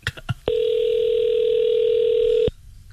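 A steady telephone ringing tone of a call to a cell phone store sounds for about two seconds, a single continuous electronic beep that starts and stops abruptly, preceded by a few faint clicks.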